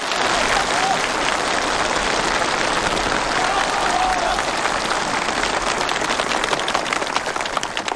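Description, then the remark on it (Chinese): A crowd applauds steadily for the full eight seconds, a dense, even wash of many hands clapping at constant loudness, with no voices standing out. The applause is for a cooperative member who carefully handled the cooperative's collection of honey from each household. “看来这次工作他做得很细致，咱们给他鼓掌。”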